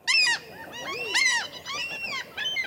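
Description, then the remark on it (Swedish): Common gulls calling loudly, a run of harsh, squealing cries that repeat several times in quick bursts, with no talking. “Under våren och tidig sommar häckar fiskmåsen, och den som kommer för nära kan få sig en uppläxning av måsföräldrarna.”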